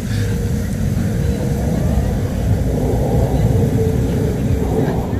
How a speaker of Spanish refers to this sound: Tan bonito. Ahí está, mira. Hay uno que es más oscurito, el otro son más clarito, ¿eh? Oye, cuatro F-16.